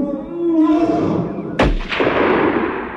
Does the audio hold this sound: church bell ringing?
no